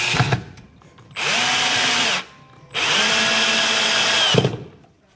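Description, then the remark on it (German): A power drill bores into chipboard while a bookshelf is being built, in two loud bursts of about a second each, its motor whining steadily with a short pause between, and no one speaking. “Bohren und Schrauben oder sägen?”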